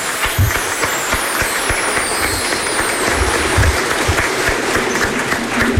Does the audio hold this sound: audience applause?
yes